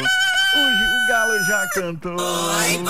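A rooster crows loudly, one long, strained cock-a-doodle-doo that rises and wavers before breaking off, followed by a brief second burst.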